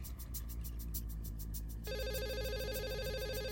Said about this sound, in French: Sans prendre la peine de passer un peignoir, Tony sortit de la salle de bain et traversa la chambre d'hôtel pour répondre au téléphone.